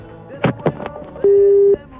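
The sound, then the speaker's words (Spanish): A steady, clear electronic phone tone sounds for about half a second after a couple of brief clicks or bumps, like a line going dead once the caller hangs up. “Ah, cortó. Se asustó.”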